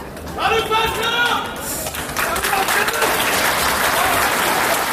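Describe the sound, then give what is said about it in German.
Steady, dense applause from spectators in a courtroom as the detained defendants enter, with excited voices calling out names and shouting from one end of the hall to the other over the clapping throughout. “Aber als dann die ersten Angeklagten den Gerichtssaal betreten, heftiges Winken und Namenrufen von einem Ende des Saales zum anderen, jeder Inhaftierte erhält seinen Applaus.”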